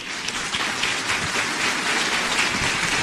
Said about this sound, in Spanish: Muchísimas gracias, pero ustedes ecuatorianos, sepan que aquí sus paisanos los tienen en el corazón y nunca se olvidaron de ustedes. Para ustedes ese aplauso.